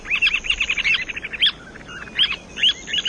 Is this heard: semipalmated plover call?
yes